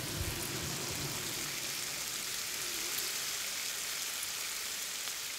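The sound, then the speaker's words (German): A steady, dense sizzling crackle, like bacon frying in a pan, holds at an even level throughout, fairly loud, with no voices. “Oder man könnte einen Regenschauer nutzen, um Speckbrutzeln zu imitieren.”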